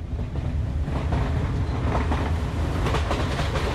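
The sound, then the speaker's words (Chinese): A train rolls steadily along the rails, its deep continuous rumble broken by repeated clickety-clack beats from the wheels, fairly loud with no voices, with a passenger riding it alone on a business trip. “这次心情忐忑的独自搭火车出差”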